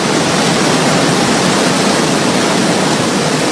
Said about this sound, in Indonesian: Derasnya air Sungai Serayu terdengar tidak jauh dari Waduk Merica, Banjarnegara yang mempunyai luas 1.250 hektar.